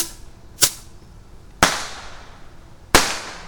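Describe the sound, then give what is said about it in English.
Two bottle rockets launched from a tube and bursting outdoors: three sharp, loud cracks spaced roughly a second apart, each with a brief fading echo, against a quiet background with no talking. “All right, last two bottle rockets are going in the tube. Lighting one, lighting the second one.”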